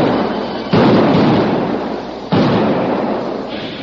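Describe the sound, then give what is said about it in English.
Two heavy blasting-powder explosions, from charges sunk in holes dug in the bank between a stream and an arroyo, go off about a second and a half apart, each a sudden loud boom that rolls into a long, rumbling decay. No voices. “Then a series of explosions rent the air.”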